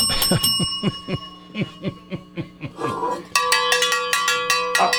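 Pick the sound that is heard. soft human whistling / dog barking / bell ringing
bell ringing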